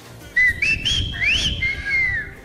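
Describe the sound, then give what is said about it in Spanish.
A person whistles a short, lilting tune, clear, with rising and falling notes imitating a milkman's singsong street call of 'llegó la leche' from the centre of Querétaro, over a low rumble of background noise. “Ah, por eso se silbó.”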